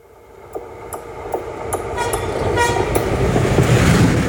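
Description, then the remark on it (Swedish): A train rolls closer between Olsfors and Hultafors, the first to pass after a freight train derailed there three weeks earlier, with rhythmic clacking of wheels over rail joints growing steadily louder, while its horn gives a short toot amid the rumble. “Så här lät det när det första tåget rullade förbi.”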